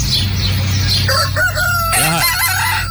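A gallo paloma rooster crows loudly, a long rising-and-falling cock-a-doodle-doo that fills most of the three seconds over a steady low background hum.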